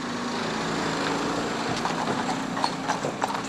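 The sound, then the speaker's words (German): Horse hooves clip-clop in an uneven series of hard knocks from horses resting in a truck, growing busier in the second half, over a steady engine-like drone and broad hiss. No voices. “Die Pferde erholen sich im LKW.”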